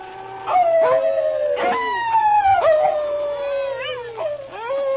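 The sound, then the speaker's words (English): A dog named King howls on command, imitating a wolf, in long, wavering cries that slide down in pitch and rise again. The howls are fairly loud and repeat for several seconds with no talking. “All right, King. Start howling like a wolf.”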